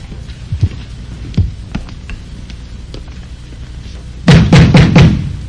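Someone pounds on a door: a few scattered, lighter knocks, then a sudden loud burst of rapid, heavy blows near the end. No voices.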